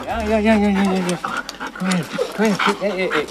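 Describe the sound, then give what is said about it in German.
Scud, an excited grey-and-white female husky at the Korbach animal shelter, whines in rising and falling high-pitched cries, mixed with quick, breathy panting, excited at seeing her leash and harness. The whines are fairly loud and come in several short bursts. “hat Mühe, die Husky-Hündin zu bändigen”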